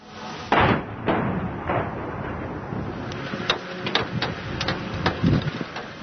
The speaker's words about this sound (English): Sound of missiles and drones striking Kiev overnight.